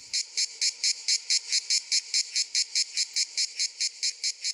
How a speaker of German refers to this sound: Das gleichmäßige Singen der Manna-Zikade gehört dort vielerorts zu den heißen Tagen. Auch die Tiere selbst fallen auf. Sie sind relativ groß, kräftig gebaut, mit durchsichtigen Flügeln.